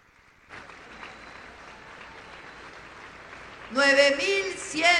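An audience breaks into steady applause, a dense wash of clapping that swells near the end as shrill cheers and whistles rise above it.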